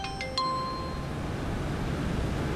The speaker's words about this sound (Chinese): 哟，业务挺繁忙啊，大晚上还有人给你打电话。哪个有故事的女同学呀？